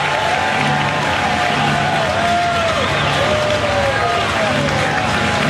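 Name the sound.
baseball stadium crowd cheering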